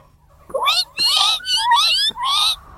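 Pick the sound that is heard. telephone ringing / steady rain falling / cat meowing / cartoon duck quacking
cat meowing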